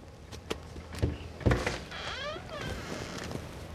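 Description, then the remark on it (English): A few soft, spaced knocks on the wooden door of a small house rented as an Airbnb, with a gravel driveway, followed by a drawn-out squeaky creak as if the door swings open. “When he gets to the door, he gently knocks.”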